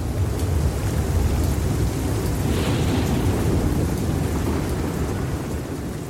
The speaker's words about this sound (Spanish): La lluvia se escuchaba particularmente fuerte ese día. Llegar a la escuela siempre fue un desafío. Pero ese día, llovía como si no hubiera un mañana.